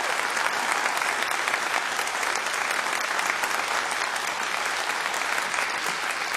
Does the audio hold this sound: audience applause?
yes